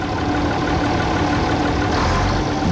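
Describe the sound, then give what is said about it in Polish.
A Bizon combine harvester engine runs steadily and loudly, a continuous rumbling drone with a broad mechanical roar that holds even for the whole stretch, with no voices. “Zon, który jak słyszeliśmy ma moc”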